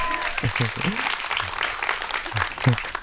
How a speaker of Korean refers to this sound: 박수가 안 멈추니까 되게 당혹스럽네요.